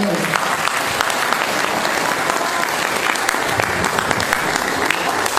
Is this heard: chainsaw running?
no